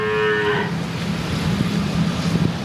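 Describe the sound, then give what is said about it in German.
A cow moos once, a loud, drawn-out call in the first moment, followed by a low, steady rumble of background noise with faint bumps and no talking. “Was also tun mit raumgreifenden Mitbewohnern, die von gläubigen Hindus gleichzeitig als Göttinnen verehrt werden, als Mutter Kuh?”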